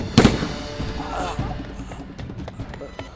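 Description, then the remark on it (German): A loud, sharp gunshot cracks out, followed about a second later by another shot and a scatter of fainter pops and clatter trailing off. “Feuer!”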